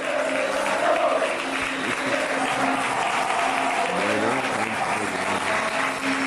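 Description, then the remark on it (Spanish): A crowd of Alcoyano football supporters applauds and cheers steadily for the Alcoyano players, a few metres away, at the end of a play-off match against San Sebastián de los Reyes at Matapiñonera. A dense wash of clapping with voices shouting throughout, loud and sustained. “¡Espectacular ovación! La que se están llevando los jugadores del Alcoyano, que están a unos metros de la afición, los aficionados cantando bufandas al aire.”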